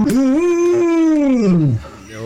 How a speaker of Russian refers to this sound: Я знаю, что вы хотите послушать, как ретривер научился мычать. Точно хотите? Ну давайте, сейчас я прям попробую вам запустить этот звучок. Ох, какая же там милота.